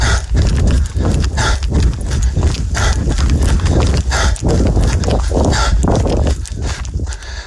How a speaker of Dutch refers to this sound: Dit is geen hijgen, maar hardlopen waarbij het niet helemaal lekker gaat.